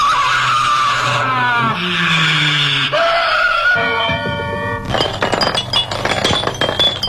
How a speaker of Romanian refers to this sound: Ce s-a întâmplat aici, un accident? Da, a intrat unul cu o mașină în pom.